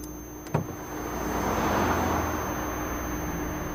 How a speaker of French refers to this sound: Sortir de la voiture face aux autres voitures qui filent.